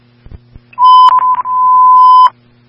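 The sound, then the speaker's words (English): Fire dispatch alert tone before a call sending Sharmore Hills Medical to a heat exposure at East Las Vegas Street and Janitel Road: a few faint clicks, then a loud, steady, high-pitched beep held for about a second and a half, briefly stuttering near its start. No one speaks. “I copy. Stand by for tones.”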